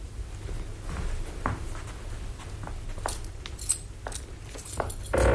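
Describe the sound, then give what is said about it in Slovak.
Keys jangle and click in short bursts against a low background rumble as a key is worked and turned in the lock of a chest, with scattered metallic clinks and a louder clunk near the end. “Otvor tam tú truhlicu a vlož do nej, čo nám táto dobrá žena priniesla.”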